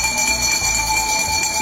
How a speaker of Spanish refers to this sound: Por ejemplo, yo quiero proponer el sonido del camión de la basura o las campanas de la basura. ¿Qué pasa cuando escuchas este sonido?